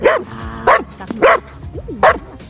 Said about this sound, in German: Das ist sozusagen die Vorstufe im Schutzdienst, das sogenannte Verbellen. Das heißt, wenn ich den Hund schicke in einer Situation, in einer Einsatzlage, dass ich meinem Gegenüber sagen kann, Bundespolizei, halt, stopp, bleiben Sie stehen,